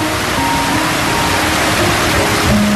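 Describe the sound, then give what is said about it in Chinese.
A steady, dense roar of rushing water, like a waterfall, fills the whole stretch at an even, loud level, with faint tonal hints of music underneath. “会看到远方的瀑布，会学习跳舞，我会长大。”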